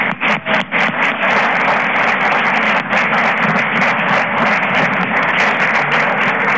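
A crowd applauds steadily, a dense, loud wash of many hands clapping that holds at the same level for several seconds without pause, with no voices heard.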